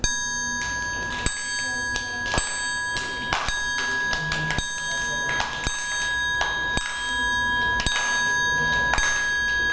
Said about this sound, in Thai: ใช้ระฆังเหล็กสามเหลี่ยมเป็นเครื่องให้จังหวะนะคะเดี๋ยวเรามาทบทวนจังหวะกันก่อนนะคะ